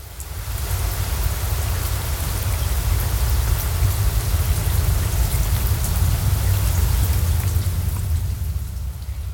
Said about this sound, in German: Regen, der auf ein Grasdach in Dingle fällt.